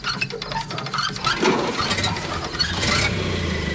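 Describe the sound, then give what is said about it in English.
An old car engine sputters and rattles as it is hand-cranked, then catches and settles into a steady, rough, low rumble with clattering mechanical noise throughout. “I'll crank it for you, but you'll have to drive it.”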